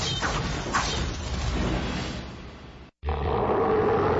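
A big cat roars loudly, a long rough rumble that cuts off abruptly, then a second roar starts right after. No one speaks.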